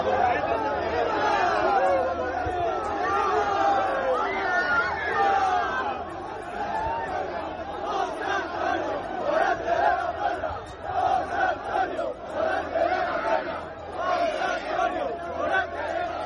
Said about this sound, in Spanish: Puerta del Príncipe de la Maestranza de Sevilla a hombros de una multitud de aficionados que no dudó en agasajarlo con vivas, aplausos y gritos de su nombre. Tal fue la intensidad del momento que la multitud lo llevó a hombros hasta el Hotel Colón.